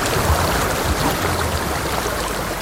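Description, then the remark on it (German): Water rushes steadily down a mountain stream, a dense, continuous roar with no pauses or changes in loudness. No voices or other sounds break through. “Wenn man in den Bergen ist, das Rauschen von Wasser, ich finde es ein anderes als Meerrauschen.”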